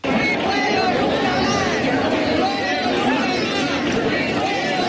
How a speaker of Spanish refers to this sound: Pues esto era lo que gritaban los manifestantes ayer en Huelva capital, convocados por las plataformas Fuegos Nunca Más y Huelva Renace. Exigen que se tomen más medidas para evitar los incendios forestales después de un verano negro en la provincia.